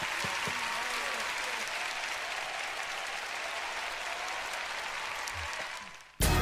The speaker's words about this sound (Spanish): Un aplauso.